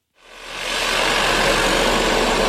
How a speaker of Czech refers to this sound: Teďka tady vidíte vrtací stroj, který tady dělá vývrty pro trhací práce.